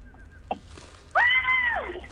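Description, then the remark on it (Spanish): A single loud, high-pitched scream of terror bursts out after a brief quiet pause, holding a steady shrill tone for under a second before sliding downward and breaking off. “El grito llegó tarde, hay que decirlo, pero yo también me quedé congelada.”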